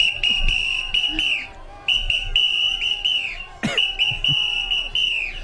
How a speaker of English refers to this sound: Oh, someone wanted a whistle? I got a whistle.